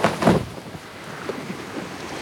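A boat out at sea: a steady wash of wind and water noise with a louder surge at the start, then softer sloshing and creaks. No one speaks.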